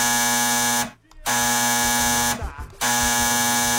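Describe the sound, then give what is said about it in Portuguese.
A telephone rings with a loud, harsh electronic buzz, sounding in repeated bursts broken by short pauses, with no voices present. “Telefone tocando.”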